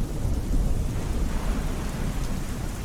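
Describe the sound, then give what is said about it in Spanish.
Steady, dense rainfall pours down with a deep, continuous rumble of thunder underneath, a full wash of sound with no voices. “Me voy a circunscribir a uno de los aspectos más mágicos y potentes del espíritu del agua, que es la lluvia.”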